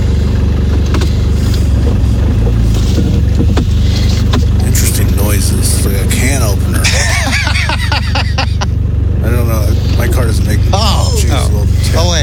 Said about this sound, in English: I think somebody was just getting into their car. Yeah. Oh, like that's why it moved. Bigger person, yeah.